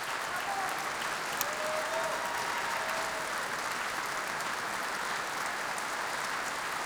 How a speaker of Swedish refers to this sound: Camilla Tilling och Niklas Kollon har precis vandrat av scenen. Orkestern har satt sig. Och här kommer solist och dirigent ut i applådtacket ännu en gång. Och även orkestern deltar i applåderna här.